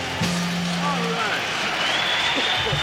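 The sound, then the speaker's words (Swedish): A large crowd applauds and cheers in a dense, steady roar as a live song by a singer ends, at his 1969 live performance at San Quentin State Prison, with a brief held low note lingering at the start. “är det som applåderas ut här, en live-version från 1969 när han uppträdde live på San Quentin State Prison.”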